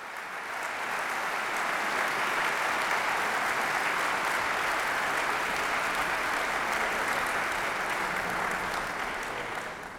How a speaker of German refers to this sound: Und Sie hören es, Beifall für das MDR Sinfonieorchester und den MDR Rundfunkchor. Aus dessen Reihen wurden ja auch die Solopartien besetzt und natürlich auch Beifall für den Dirigenten Dennis Russell Davis.